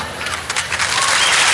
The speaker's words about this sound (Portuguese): Aplausos de vocês.